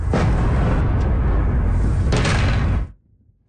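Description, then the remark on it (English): Loud, continuous rumbling booms of explosions in the night sky over Ukraine's capital during a Russian attack, with a sharp blast at the start and another about two seconds in, ending abruptly. No one speaks. “Explosions in the night sky over the capital.”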